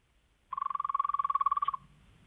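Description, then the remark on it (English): A voice imitates a frog with a fast, rattling trill of about twenty-five pulses in quick succession, lasting just over a second, clear against a quiet background. “Well, let's finish with a frog.”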